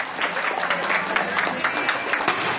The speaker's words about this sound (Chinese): 一起响起热烈的掌声，有请二位共同入场了。